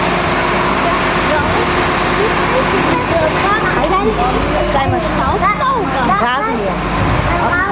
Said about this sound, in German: Da reparieren wir gerade ein Müllfahrzeug.